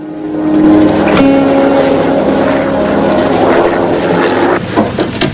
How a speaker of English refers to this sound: The helicopter soars over a picturesque loch, with mountains on one side, towering into the fog and cloud above.